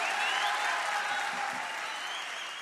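Sustained audience applause, a dense steady wash of clapping that holds evenly loud throughout and eases off slightly toward the end, with no voices standing out.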